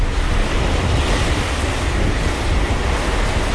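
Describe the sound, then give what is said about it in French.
Sea water rushes and churns against the bow of the Charles de Gaulle, flagship of the French Navy, cutting fast through dark waves in the eastern Mediterranean between Cyprus and Crete under a clear blue sky, in a steady, continuous roar with a low rumble beneath and wind hiss on top, even throughout, with no voices. “Des flots sombres et un ciel d'un bleu très pur, voilà la Méditerranée orientale, la Médor comme l'appellent les marins.”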